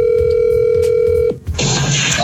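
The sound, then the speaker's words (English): A steady electronic telephone line tone hums for over a second, then cuts off with a click, followed by crackly, hissing line noise as a son's phone call to his father connects. No one speaks. “So I'm going to play the phone call”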